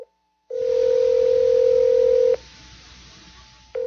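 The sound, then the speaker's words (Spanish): A steady, loud telephone dial tone hums for about two seconds, then cuts off with a click; after a quieter pause, the tone starts again near the end. “Voy a llamarlo por teléfono.”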